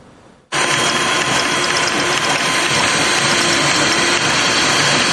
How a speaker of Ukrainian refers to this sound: Шар за шаром принтер вже четверту годину друкує кріплення для дронів.